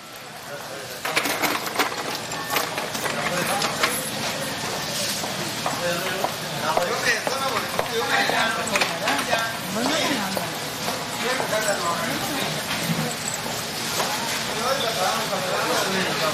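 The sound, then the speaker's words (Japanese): Nishiki Market, a crowded food market, bustles with overlapping chatter from shoppers and vendors, steady and unbroken, with clinks, rustles and the sizzle of cooking mixed into the constant din. “今日の音、錦市場、買い物客と店主の声。”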